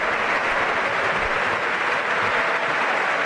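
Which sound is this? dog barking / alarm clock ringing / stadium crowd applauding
stadium crowd applauding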